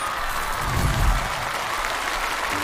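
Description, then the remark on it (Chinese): An audience applauds steadily to welcome a musician onto the stage, a dense wash of many hands clapping at an even loudness for the whole stretch, with no voices over it. “掌声有请”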